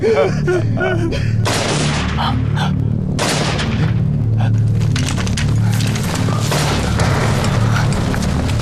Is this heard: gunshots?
yes